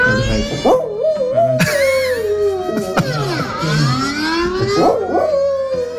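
A dog howls and yips in long, wavering cries, loud, while a rising and falling alarm siren wails steadily underneath during a test of the alarm.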